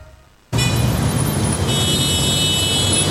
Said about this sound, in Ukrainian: Чуєш це? Це шум міста, до якого всі звикли. А тепер уяви, що його більше немає.